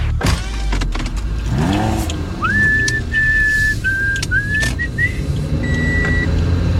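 Someone whistles a short, bright radio station jingle of several held notes inside a car, with steady engine rumble and a few clunks and rising engine sounds underneath. No one speaks.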